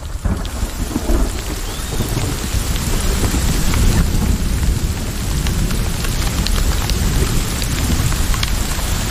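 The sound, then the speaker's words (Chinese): Steady, heavy rain pours down continuously, a dense hiss of drops on surfaces with a deep low rumble underneath, loud throughout with no voices; the temperature drops to ten degrees Celsius as it rains. “下雨时气温降至十摄氏度。”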